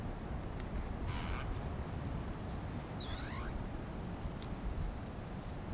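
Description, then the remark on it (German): Steady, soft rustling of autumn leaves, a continuous broad hiss that hardly varies in loudness, with a brief high bird chirp around the middle. “Schweigen, das Rauschen der Blätter.”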